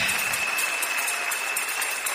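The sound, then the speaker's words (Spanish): A church audience, standing, claps for the Lord together in a steady, dense wash of applause that holds at an even, fairly loud level without pausing, with no voices rising above it. “Dale un fuerte aplauso al Señor, mi hermana, mi hermano.”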